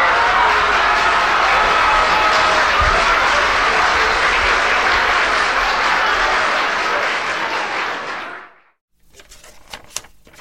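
Canned applause from a sound button, a dense, steady roar of clapping for about eight seconds that cuts off abruptly, followed by a few faint clicks and rustles.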